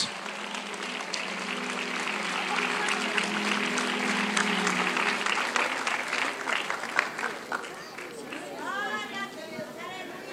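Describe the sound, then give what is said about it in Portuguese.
An audience at a worship service claps for the Lord steadily and densely throughout, a loud wash of many hands, with a low sustained hum beneath the first half and voices calling out over the clapping toward the end. “Mais forte os aplausos.”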